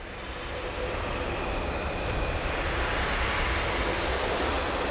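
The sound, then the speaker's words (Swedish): A steady, breathy rush of air blown through brass instruments, producing no pitch at all, only a broad hiss that swells slightly at the start and then holds evenly throughout. “Och det är faktiskt blåsarna som bara blåser genom sina instrument. De skapar liksom ingen ton, utan de blåser.”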